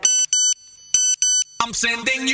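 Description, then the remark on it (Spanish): A Nokia phone SMS notification tone: four bright, high electronic beeps in two quick pairs, loud, followed abruptly by a dense burst of music. “¿Quién no sentió a maravillosa emoción de escoitar o seu sonido de notificación?”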